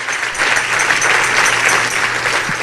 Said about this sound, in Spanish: Si ese es el aplauso, déselo más fuerte al Señor.